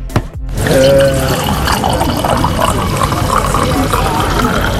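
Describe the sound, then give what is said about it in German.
Wine pours steadily into a glass right after a brief clink at the Schengelmarkt wine festival in Rheinland-Pfalz, the liquid sound continuing for several seconds, with a busy murmur of voices in the background. “Das Einschenken des Weines ist für mich ein ganz klarer Ton des Schengelmarktes, weil Schengelmarkt heißt Gesellschaft, Geselligkeit.”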